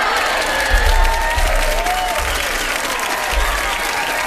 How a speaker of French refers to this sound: Ah! La foule est en délire!